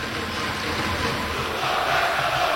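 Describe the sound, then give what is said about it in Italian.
A large crowd in a sports arena (palazzetto) chants together in a steady, roaring chorus during a Trieste game, the dense wash of voices holding loud throughout and swelling slightly toward the end. “Si fa sentire il palazzetto con il coro, tutto questo non può finire prima della rimessa dal fondo di Colby Ross.”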